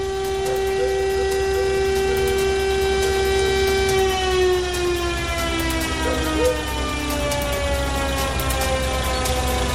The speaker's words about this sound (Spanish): Escuchamos la sirena.